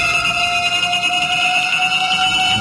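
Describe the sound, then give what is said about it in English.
A horror movie theme sound effect: steady, piercing high-pitched tones drone on unbroken and loud, with a faint shimmering texture underneath and no voices. “this is the whole theme-ish thing from Friday”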